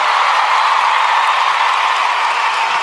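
A crowd applauds steadily, a dense wash of many hands clapping at once, loud and sustained without a break for about three seconds.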